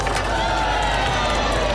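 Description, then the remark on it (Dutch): A loud, sustained roar from a large stadium crowd cheering a football goal that is then disallowed, a dense wash of voices holding steady for the whole moment. “En aan het gejuich te horen weet u dat de bal erin zit, maar dat hij niet telt.”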